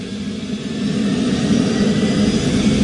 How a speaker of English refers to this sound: He's just firing up one of the engines. Now it's twin engine, so he's got two engines to start.